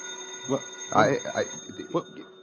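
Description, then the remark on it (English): A telephone rings with a steady, unbroken electronic tone that runs beneath several short bursts of people talking. “I'll get the phone. There'll probably be another job, and we'll never get out of here. Let it ring.”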